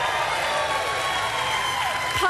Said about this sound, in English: A surprising number of fans of the radiation oncology nurse profession. Woo-hoo! That's actually the biggest clap I've ever seen for a single profession in the history of this show.